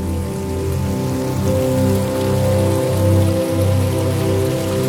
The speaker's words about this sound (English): Okay, this one sounds nice. A little running water.